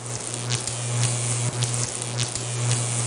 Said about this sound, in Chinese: 今天呢我们有一个小小的互动的实验，也请我们健康观察团的朋友跟我们一起来做。你们会从功放当中听到好几种耳鸣的声音，我们一块儿来听一听。